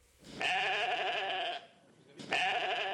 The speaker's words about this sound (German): Ein blökendes Schaf. Nichts Besonderes möchte man meinen. Und doch hat genau dieses Schaf vor 30 Jahren die Wissenschaft auf den Kopf gestellt.